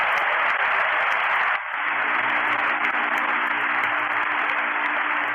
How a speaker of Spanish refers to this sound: Un aplauso al Señor, pueden sentarse.